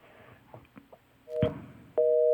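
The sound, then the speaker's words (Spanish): A telephone line clicks and thumps as the caller hangs up, then a steady, loud busy tone starts, first briefly near 1.3 seconds and then continuing unbroken to the end. “Uno explicándole las cosas y prefiere más bien tirar el teléfono.”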